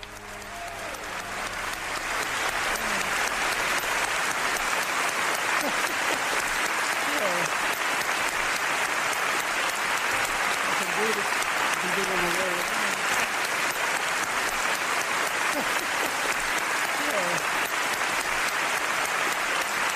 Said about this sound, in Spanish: Pero sí que vamos a escuchar un poquito del aplauso y lo que dijo Chaplin.